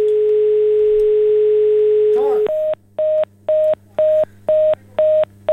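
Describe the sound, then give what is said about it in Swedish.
A steady telephone line tone hums for a couple of seconds as a caller's line is cut off, then after a brief glitch gives way to a loud, regular series of about seven short beeps, like a disconnected-line signal. “Kutt ut telefonen i alla fall. Jag får ringa en gång till.”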